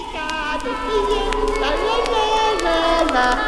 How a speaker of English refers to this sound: And soon they could hear the sounds of the earth. Kids playing.